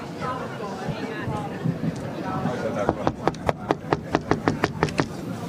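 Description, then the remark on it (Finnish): A quick series of about a dozen sharp knocks on a heavy red wooden door, the door of the judges' room, rapped in an uneven rhythm, with murmuring voices and background chatter underneath. “Hanna, koputa siihen, koska mie en uskalla.”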